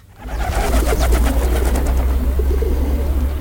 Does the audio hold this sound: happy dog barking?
no